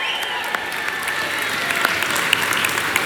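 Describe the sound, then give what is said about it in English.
A crowd claps steadily in a warm round of applause for Eugene Rooney, a Mayo legend tuned in from Florida, dense overlapping hand claps at a consistent, fairly loud level throughout without any talking. “And I'm sure, oh yes, round of applause.”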